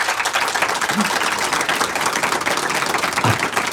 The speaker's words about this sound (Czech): Troufám si tvrdit, milé posluchačky a posluchači, že ten potlesk, který zní odsud z prostranství před naším airstreamem, je zcela symbolický,